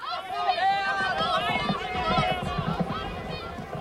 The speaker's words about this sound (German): Als er den Platz betrat, näherte sich das erste Rennen gerade dem Höhepunkt und er hörte die Rufe der Zuschauer.